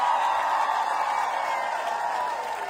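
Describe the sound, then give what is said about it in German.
A concert audience applauds after a song, a dense, steady wash of many hands clapping with no distinct individual claps, holding level throughout and easing off slightly at the very end. “Da gibt's noch den Applaus.”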